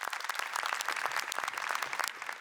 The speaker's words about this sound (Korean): 여러분 큰 박수로 환영해 주시기 바랍니다.